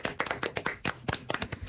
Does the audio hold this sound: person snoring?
no